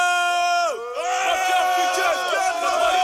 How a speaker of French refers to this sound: qu'on entend le cri, je pense que c'est … qui crie au début du morceau